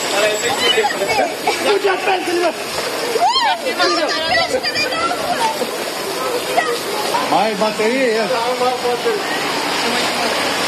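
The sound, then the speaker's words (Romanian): Water rushes and splashes steadily on a flooded street lacking drainage in heavy rain, as it always is when it rains, a continuous loud wash with voices talking and calling out over it. “Partea de canalizare care lipsește cu desăvârșire, da? Și trăim în ceea ce spunem, ce vedem în momentul de față, da? Dar așa e mereu când plouă?”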